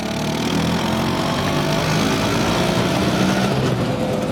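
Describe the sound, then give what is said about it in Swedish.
A small two-stroke engine of an Italian Vespa scooter, made by Piaggio, runs steadily, a buzzing, rattling drone that holds an even pitch and loudness throughout with no speech. “Det är den italienska mopeden Vespa som skapades 1946 av den tidigare flygplanstillverkaren Piaggio.”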